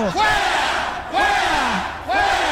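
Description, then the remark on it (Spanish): A crowd of people shouting loudly in repeated surges, voices rising and falling in pitch with each wave of yelling, no clear words distinguishable. “Mira, la gente está gritando.”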